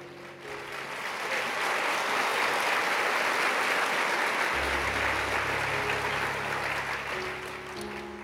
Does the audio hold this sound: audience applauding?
yes